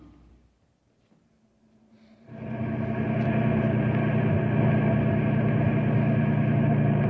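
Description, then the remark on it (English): After about two seconds of near silence, a car engine suddenly roars in loud as the car drives up to a broken-down truck caravan in Knotty Pine, then holds a steady, heavy rumble with a droning hum to the end. “he met us as we drove up to find out what we could do to help.”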